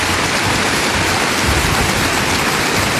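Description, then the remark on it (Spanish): An audience applauds the word of the Lord after a reading, loudly and steadily, many hands clapping at once into a dense, unbroken wash of sound that holds for the whole stretch with no voices over it. “Dele un fuerte aplauso a la palabra del Señor, mi querido hermano, mi querida hermana.”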